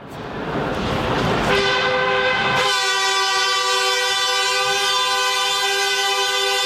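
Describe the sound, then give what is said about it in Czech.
A Prague metro train rumbles into a station, then its horn blares in one long, loud, steady tone that holds to the end, with the rolling noise of the train beneath it. The horn is the festive hoot sounded as the metro train arrives at the station. “Nebojte, to je jenom slavnostní houknutí do stanice, když přijíždí vůz metra.”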